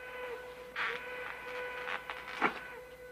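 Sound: train whistle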